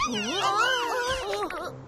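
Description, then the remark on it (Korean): Cats in a street meow in overlapping, wavering cries that slide up and down in pitch, filling about two seconds at a steady, fairly loud level before trailing off. “저 고양이들이 거리를 엉망으로 만든 거였어.”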